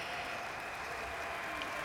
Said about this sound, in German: Und man hört immer noch den Applaus.